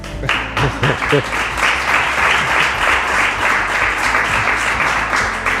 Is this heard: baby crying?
no